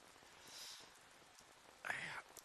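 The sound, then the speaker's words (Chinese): Soft, steady rain hisses quietly in the background at night, with a brief louder burst of patter or dripping near the end as the rain leaks through the roof onto a bed board. No one speaks. “这一下雨啊，这脑壳就疼，疼得睡不着，老毛病。”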